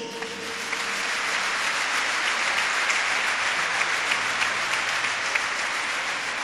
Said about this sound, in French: Avec vous, je veux dire aussi un grand merci et nous allons aussi applaudir à Monsieur le maire de Cocody.